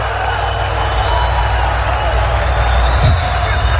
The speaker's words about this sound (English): Come on, clap your hands and shout somebody.